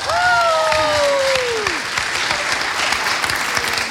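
An audience claps loudly and steadily for about four seconds. A falling whoop slides down over the clapping in the first two seconds, and the applause continues evenly afterward.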